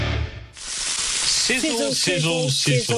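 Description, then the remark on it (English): Sausages sizzle steadily in a hot pan, a loud, continuous hiss that starts abruptly and runs throughout, with a voice speaking over the frying in its second half. “Sizzle, sizzle, sizzle. Pop, crackle, sizzle, sizzle. Our Fraser lines are much more than sausage sizzles.”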